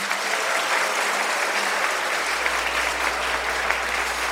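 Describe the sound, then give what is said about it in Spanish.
Strong, sustained applause from an audience for the Father General at an event of the Archdiocese of Quito, a dense steady roar of many hands clapping at an even loudness throughout, with a low hum emerging underneath partway through. “Regalémosle un fuerte aplauso al Padre General.”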